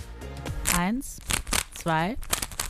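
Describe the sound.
Rapid plastic clicking and clacking as a Rubik's cube is twisted, in quick irregular bursts, with a person's voice briefly sounding over it while counting down four seconds.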